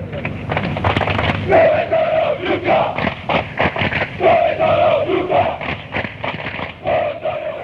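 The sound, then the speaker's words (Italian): A large football crowd of ultras chants a taunt at rival fans in unison, loud and dense, with repeated sung phrases rising over a constant roar of massed voices. “Dove sono gli ultra, questa si grida alla tifoseria avversaria quando loro non si presentano lì, o quando sono in pochi, o quando arrivano tardi.”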